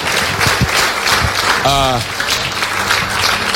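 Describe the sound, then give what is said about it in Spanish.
Steady, dense applause fills the whole stretch at a fairly loud level, with a short voice calling out or cheering briefly over the clapping partway through; applause given to the King (God) after a prayer. “Dale ese aplauso al Rey y recibe la apertura.”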